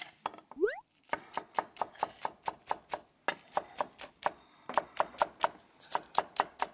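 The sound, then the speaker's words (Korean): Quick, steady knife chops on a cutting board thinly slicing large green onions for a stir-fried fish cake dish, crisp, a brisk regular rhythm of about four strikes per second continuing throughout with brief pauses. “이 파는 송송 써는 이 소리가 너무 좋은 것 같지 않아요?”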